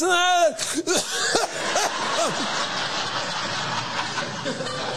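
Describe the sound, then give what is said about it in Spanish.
A brief strained vocal note as someone tries to sing breaks off into several rough coughs, followed by a few seconds of scratchy, noisy background with faint voice-like sounds. “Uno no puede ir a un karaoke, por ejemplo, porque le da tos.”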